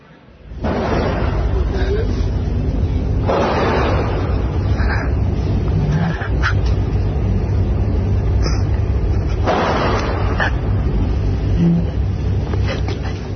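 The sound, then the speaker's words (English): Several sharp gunshots crack at intervals over a constant roar of noise during a school shooting, recorded on a student's smartphone while hiding under a desk in a classroom; the student filming gasps and weeps in ragged, breathy bursts. “So you can clearly hear the gunshots in the background there and the gasps, the weeping of the person taking the video, presumably uncertain as to what is unfolding around them.”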